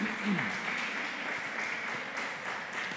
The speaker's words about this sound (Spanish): ¿Cuánto le damos ese fuerte aplauso a nuestro Rey Celestial?